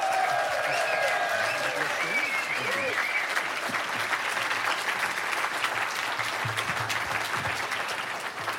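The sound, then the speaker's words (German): Sustained audience applause for author Horst Evers as he takes the stage to read a story, a dense, steady roar of clapping hands at high volume, with some faint voices and whoops mixed in underneath. “Bühne frei und nochmal einen großen Applaus für Horst Evers, bitte.”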